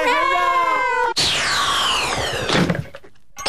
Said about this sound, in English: Ho, ho, Mum. Fooled you. It was just my smashing fun broken window simulator. The latest wizard gag from Stonko Products.